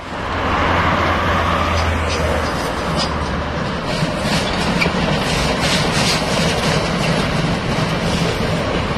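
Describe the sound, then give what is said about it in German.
A class 95 steam locomotive chugs past modern locomotives before the crossing with federal road B 6, a loud, steady rumble with hissing and rhythmic clanking from the rails that holds for the whole stretch. “Vor der Kreuzung zur Bundesstraße 6 stampft unser 95er vorbei an den modernen Lokomotiven der Havelländischen Eisenbahn, die sonst die Strecke befahren, vornehmlich für Transporte der Fels AG.”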